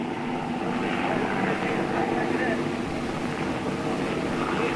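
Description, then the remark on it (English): A low-flying German propeller plane drones loudly and steadily overhead, just clearing a ship's stack off the Normandy beaches, a thick low roar with a rough, throbbing texture that fills the whole moment without fading. “He came very low, just cleared our stack, and as he passed, he let go a stream of tracer that did no harm.”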